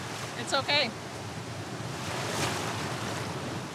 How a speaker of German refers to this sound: Ich sehe keine gefährlichen Unterströmungen. Es gibt nur viele Wellen. Aber ist schon okay.